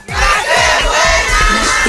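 A crowd in the Romero Rubio neighbourhood bellows a war cry together as the Qué Buena radio broadcast signs off, a dense, loud wall of many voices sustained for about two seconds, with rhythmic low thumps or stomps pulsing underneath.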